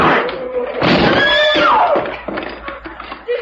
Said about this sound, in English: Hit the door hard. We've no time. Right. Here goes.